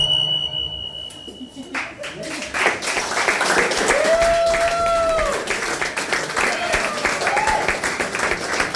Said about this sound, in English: clap with him.